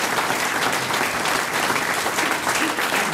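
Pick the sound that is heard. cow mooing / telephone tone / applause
applause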